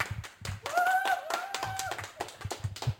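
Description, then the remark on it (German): An audience claps for a few seconds, a dense, steady patter of many overlapping hand claps, with a brief wavering whistle-like tone rising above it in the first half. “Klatscht ihr kurz nochmal? Can you please clap?”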